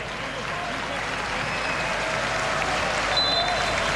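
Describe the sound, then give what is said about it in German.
Sustained applause from the stands of a football stadium crowd in a match involving Dundee, greeting a correct referee decision, a dense, steady wash of clapping with faint voices and whistles mixed into the roar. “Und jetzt gibt es dann Applaus von den Rängen für, wie der Fan von Dundee sagt, eine richtige Entscheidung an der Pfeife.”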